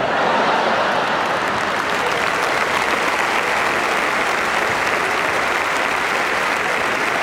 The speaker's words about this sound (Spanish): Ah, chicos, ¿están aplaudiendo muerte? ¿Puede ser?